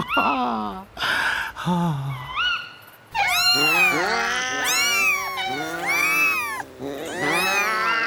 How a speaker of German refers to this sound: Und später werden die Katzen und Kater ein großes Konzert für uns geben.